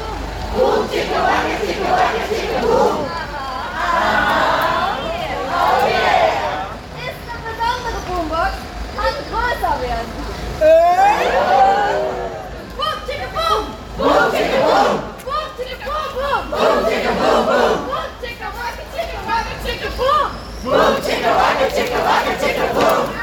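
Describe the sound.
A large crowd of protesters, including action clowns, chants and shouts together in loud, rhythmic bursts at the first sit-in blockade toward Hochheim, on the access road to the Autobahn. Voices rise and fall with cheers and overlapping calls, sustained for the whole stretch.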